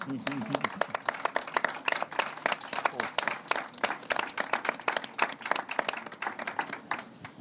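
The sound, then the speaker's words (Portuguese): A round of applause for fishermen from a group, with dense, steady clapping that keeps going at an even level for several seconds while voices murmur underneath. “Portanto, era uma salva de palmas para os pescadores, faz favor.”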